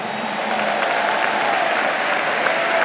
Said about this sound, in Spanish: Demos el aplauso al maestro en esta noche.